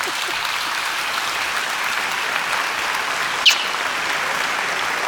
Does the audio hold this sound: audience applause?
yes